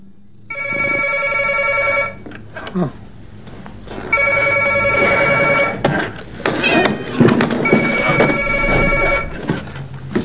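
A telephone rings three times, each a loud, buzzy, high-pitched trill lasting under two seconds, separated by short pauses filled with faint scuffling background sounds.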